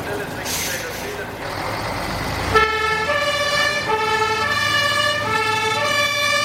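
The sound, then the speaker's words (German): A fire engine sets off to a crashed tanker truck with burning petrol on the A1 autobahn, starting with a loud rumbling, hissing engine burst, then its two-tone siren takes over, alternating steadily between a high and a lower pitch, loud and continuous. “Die Feuerwehr ist bereit zur Abfahrt.”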